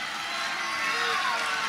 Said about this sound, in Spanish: Muchas gracias. Bien fuerte el aplauso. Bien fuerte para los orilleros.